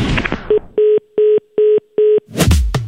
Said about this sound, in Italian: Ecco, purtroppo è caduta la linea